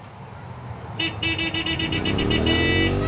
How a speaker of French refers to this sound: Vous êtes en ville. Une circulation dense, des klaxons, une moto passe à toute vitesse, moteur hurlant. Votre cœur s'accélère, vos muscles se tendent, l'ambiance devient stressante, presque intenable.